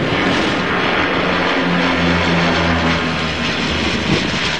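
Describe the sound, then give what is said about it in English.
A Canadair firefighting propeller plane roars steadily overhead while working a fire near Fontainebleau, about 30 miles south of Paris, France, its engine drone filling the air with a broad, rushing noise and a low humming tone that swells and holds throughout. “Astonished residents watched iconic Canadair firefighting planes, typically associated with fighting southern fires, work”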